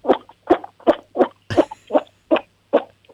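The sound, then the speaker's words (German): A 7-year-old child from Lower Austria imitates a toad with a steady series of about nine short, throaty croaks, evenly spaced and fairly loud, with no talking in between. “Ich kann voll gut singen und die Kröte machen.”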